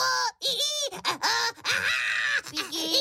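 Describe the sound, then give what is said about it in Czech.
A voice lets out a run of loud, strained squeals and shrieks with wobbling pitch, mimicking a squeaking, shrieking sheet of baking paper on a tray for about three seconds without words. “S ječícím papírem. A papír vám krásně zaječí.”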